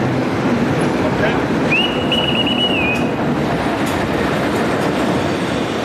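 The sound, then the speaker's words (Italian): A train arrives at the station with a loud, steady rumble of wheels on rails, and a high metallic squeal of braking wheels rises briefly partway through before fading back into the noise. “In quel momento arriva il treno alla stazione.”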